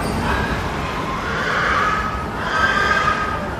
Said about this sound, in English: that wall is pigs have been lowered into a gas chamber. You can hear the hissing of the gas. And then that's when the frenzy starts. That's when you can hear the pigs fighting for their lives. It is different from what, you know, normal pig language.